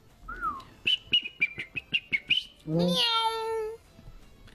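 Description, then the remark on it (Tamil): A person whistles an imitation of an Asian koel call: a brief rising note, then a quick run of about eight sharp, even pulses. A long, drawn-out, meow-like vocal cry follows. “நீங்க குயில் வச்சிருந்தீங்கன்னா நாங்க கொக்கு குருவி காடை எல்லாம் வச்சிருக்கோம்.”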